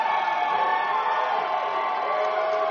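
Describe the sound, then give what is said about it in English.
A steady wash of crowd noise, local fans in Penticton cheering and shouting together for fighter Jace D'Arcy at a match, at a constant, fairly loud level with no single voice standing out. “Jace D'Arcy getting the local fan crowd cheer.”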